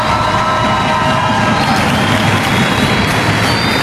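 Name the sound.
audience applause and cheering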